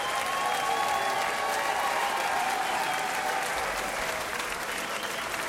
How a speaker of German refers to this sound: einen großen Applaus an unsere wunderbaren Bläser hier.